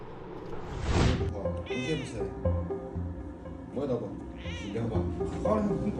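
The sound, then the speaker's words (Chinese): A ragdoll cat named Baozheng, with black fur on its face, meows several times, its drawn-out cries rising and falling between brief pauses, while people talk softly in the background. The cat is a rescue whose broken leg was amputated. “包拯是一只布偶猫，因为脸上的毛发是黑色的，像极了包公，所以取名包拯。”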